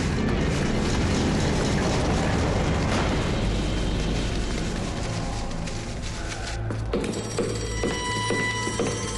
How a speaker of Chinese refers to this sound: 在黄埔军校校长楼内，一片忙乱，电话命令声不绝于耳。